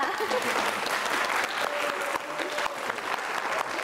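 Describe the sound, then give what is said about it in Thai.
A steady burst of audience applause for all the small children in a crawling contest that has just ended, many hands clapping densely and continuously at an even loudness for several seconds, with a faint murmur of voices mixed underneath. “เอาละค่ะการแข่งขันการคลานก็ได้จบลงแล้วนะคะขอเสียงปรบมือให้หนูน้อยคนเก่งทุกคนเลยค่ะ”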